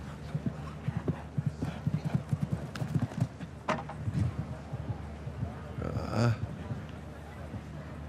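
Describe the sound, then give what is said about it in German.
A show-jumping horse, a Kornet Obolensky descendant sired by Kidam de Revelle, clip-clops its hooves in a quick, steady rhythm for several seconds, then thin out. A short, higher tonal call, like a whinny, rises near the end over a faint murmur of voices. “diesem Kornet Obolensky-Nachkommen, diesem Halleluja-Pferdchen hier, Mutter, Vater ist Kidam de Revelle, da kommt einiges zusammen, sportlich, aber auch energietechnisch.”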